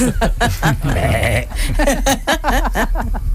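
A goat acting in a performance bleats over and over, loud, its wavering, quivering cries following one another in quick succession with no pause for talk.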